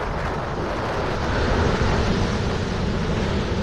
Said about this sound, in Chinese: 2010年，李高武所在的货轮在即将靠近南非德班港时，受到温带气旋的影响，遇到了罕见的自然灾害。暗夜里波涛汹涌，十级大风掀起的巨浪几乎要把40米高的大船打翻。